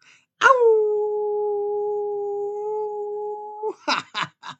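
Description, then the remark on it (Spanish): A long, steady howl, voiced by a person imitating it, holds one loud, even pitch for about three seconds, then breaks into a few quick yipping, laughing bursts. “Les envío a todos ustedes un gran aullido.”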